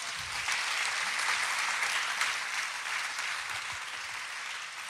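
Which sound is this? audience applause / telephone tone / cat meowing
audience applause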